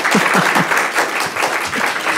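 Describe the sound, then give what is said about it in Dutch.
A small crowd claps steadily and continuously, a dense patter of many hands at moderate loudness with no voices over it. “We hebben een klein, maar fijn publiek. Laat u maar eens horen, dames en heren.”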